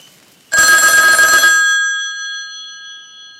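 A loud, close telephone bell rings once in a sustained metallic burst, then its bright tone lingers and slowly fades away with no voices present.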